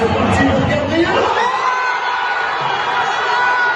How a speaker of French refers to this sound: Un pénalty mal cadré d'Arsenal et l'explosion du Parc des Princes où plus de 48 000 supporters du PSG s'étaient réunis pour regarder la finale de la Ligue des champions de football sur grand écran.